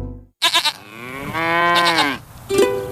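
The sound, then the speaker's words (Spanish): Cattle moo in a long, drawn-out low call with rich harmonics, preceded by a few quick loud bursts and followed by a shorter second moo near the end, in a radio advert for the Gran Canaria Livestock Fair at the Cabildo's Experimental Agricultural Farm in Arucas. “Los días 23 y 24 de mayo, la Granja Agrícola Experimental del Cabildo, en Arucas, acoge la Feria de Ganado de Gran Canaria.”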